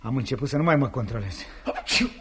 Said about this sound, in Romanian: Asta e bună. Tu strănuți și zici că eu-s răcit.